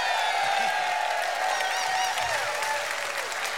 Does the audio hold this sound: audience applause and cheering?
yes